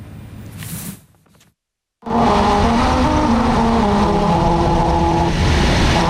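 Car tires hum over a musical road, a steady droning roar carrying sustained tones that shift like a slow melody, loud and close, following a brief quiet moment at the start.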